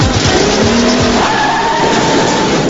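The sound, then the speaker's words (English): A car's tires squeal sharply as it backs up into another car's driver's side door, leaving a huge dent, the engine roaring loudly throughout the short burst, with no voices. “Cat leaves a huge dent in Joey's driver's side door.”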